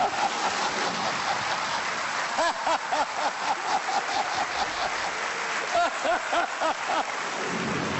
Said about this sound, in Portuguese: Vamos só dizer que lá fora está a cair uma carga de água.